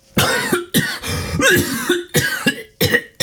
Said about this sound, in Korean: 기침이 터져나왔다. 긴 숨과 함께 잔뜩 힘이 들어가 경직되었던 팔다리가 풀어졌다.